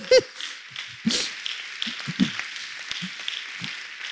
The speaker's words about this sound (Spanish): ¡Gloria a Dios! Démosle un fuerte aplauso a nuestro Señor Jesucristo